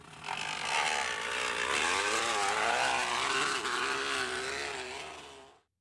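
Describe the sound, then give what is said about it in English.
A steady, loud buzzing rattle of a crunched-up can or water bottle put in the back tire of a kid's bicycle, sounding much like a small motorbike engine, rising and wavering in pitch for several seconds before stopping abruptly. “It's actually a kid who's put a crunched up can or water bottle in the back tire.”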